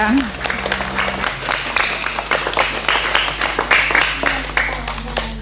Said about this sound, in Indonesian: Beri tepuk tangan